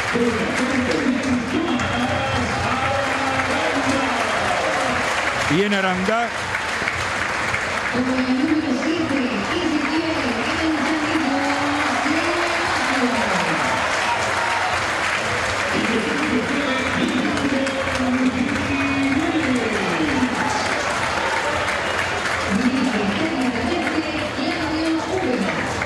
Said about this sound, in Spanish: Nada para Úbeda, nada para Úbeda. Y me parece, no sé ustedes cómo lo vivieron ahí abajo, mucho para Paredes y un poquito menos para Aranda, los dos más aplaudidos, ¿no?